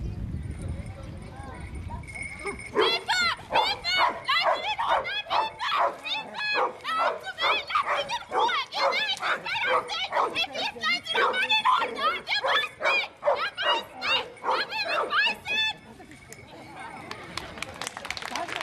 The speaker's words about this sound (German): müssen sie bei der jeweiligen Person bleiben und durch lautes Bellen signalisieren, dass sie jemanden ausfindig gemacht haben